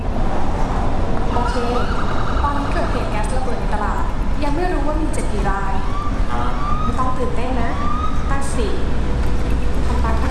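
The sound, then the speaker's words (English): An ambulance siren wails steadily over loud, continuous road and engine noise, as if heard from inside the moving vehicle, with indistinct voices mixed into the busy background; in a virtual training scenario, the ambulance is heading to an accident scene involving a gas explosion in a building. “The scenario starts in an ambulance heading to an accident scene involving a gas explosion in a building.”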